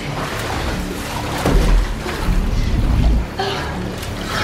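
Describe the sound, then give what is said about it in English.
Water rushes and churns steadily as it fills a glass box with a person trapped inside, a dense continuous wash with deeper, heavier surges swelling through the middle before easing back. No one speaks. “Triss tries to break the glass as the cell gradually fills with liquid.”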